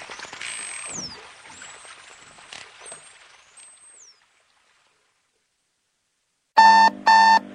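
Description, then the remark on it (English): After a stretch of silence, an alarm clock blares in three loud, buzzy electronic bursts, preceded earlier by faint swooping whistles over a soft hiss. “Sometimes I wake up in the morning, like this morning, and I was holding on to my alarm clock.”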